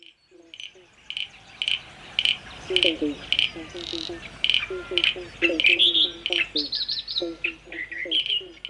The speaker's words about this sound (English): Starts with frogs in 5, 4, 3.